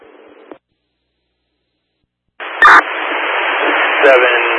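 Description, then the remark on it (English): A brief burst of muffled emergency dispatch radio chatter cuts off into silence, then a loud crackle of static opens a noisy radio transmission about a downed utility pole, a garbled voice buried under heavy hiss. “With heavy static.”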